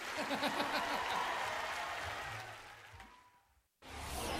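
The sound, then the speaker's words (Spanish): A crowd applauds with dense, steady clapping that gradually fades, cuts to a brief silence, then swells back in loudly near the end. Some voices are faintly mixed in. “El aplauso, le damos un aplauso, otro aplauso”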